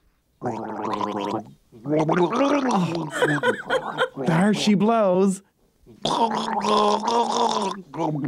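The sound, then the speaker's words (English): Someone gargles liquid while trying to say call letters over and over, producing several loud, bubbling warbles separated by short pauses, with a brief spoken phrase in between. “I'm going to gargle with this and say the call letters over and over again until I get it right.”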